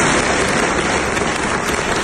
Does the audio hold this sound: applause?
yes